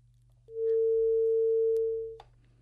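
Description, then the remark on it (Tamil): A radio call-in listener's dropped phone line gives way to a single steady mid-pitched tone, fairly loud, holding for nearly two seconds before cutting off with a click, over a low constant hum. “அந்த நேரோட இணைப்பும் துணிக்கப்பட்டு விட்டது”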